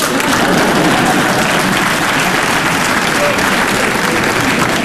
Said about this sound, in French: Et c'est quand on m'applaudit que je m'aperçois que c'est un exploit.